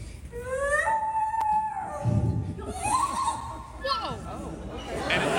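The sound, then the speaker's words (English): A crowd of kids cheering for a man doing bird impressions, with excited high-pitched shouts and squeals overlapping one another in a continuous, lively burst. “After he does it, while they're cheering, he just throws it on the ground like, I'm done with you.”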